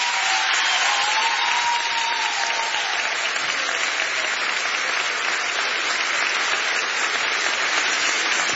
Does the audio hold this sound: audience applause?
yes